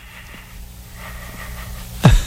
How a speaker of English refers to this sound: We had the security guard that sleeps while you were gone. Oh, we did? Yeah. We had Rumpelstiltskin or Rip Van Winkle. Who's the one who slept? What is that shaking quality? Yeah, he breathes like he's trying to start a car.